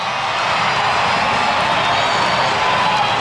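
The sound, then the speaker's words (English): A large stadium crowd at a baseball game at Petco Park in San Diego roars continuously, prompted by the scoreboard to scream: a dense wash of cheering and high-pitched screams that stays loud and steady throughout, with no single voice standing out. “Crowd trying to get back into this one as well. Scoreboard's making some suggestions in the word scream.”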